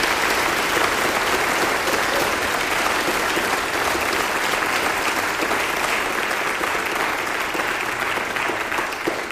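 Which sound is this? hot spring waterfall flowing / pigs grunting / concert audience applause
concert audience applause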